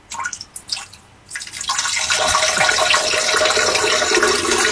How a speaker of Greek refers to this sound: Καζανάκι. Τι είναι αυτό, ρε? Κατούρεμα.